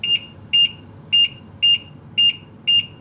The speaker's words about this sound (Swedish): Så tack och lov för att den i alla fall blippar spisen.